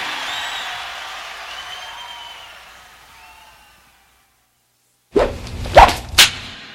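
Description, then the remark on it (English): Crowd noise with a few whistles fades to silence, then a loud whip swishes and cracks sharply two or three times in quick succession. “Oh, yeah, this is Chuck from …, and we love the whip.”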